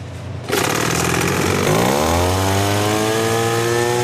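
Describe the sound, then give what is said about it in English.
A gas leaf blower, being tested by how high it blows balls up a tube, starts up abruptly and roars steadily, its engine whine climbing in pitch over the first couple of seconds before settling into a loud, constant drone. “With the gas leaf blower, the balls rise to about 4.5 feet.”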